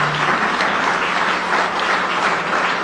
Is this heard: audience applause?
yes